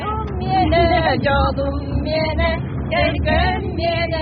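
A truck engine rumbles steadily in the background, a continuous low drone beneath a group of women singing together loudly in the back of the truck, in acrid smoke, as they set off to fight a fire.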